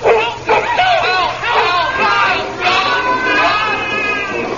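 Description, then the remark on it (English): A large, immense dog barks loudly and repeatedly, a few sharp bursts linked by drawn-out, snarling yelps that keep going for several seconds. “Will they be savagely nibbled by the immense anything but yellow dog?”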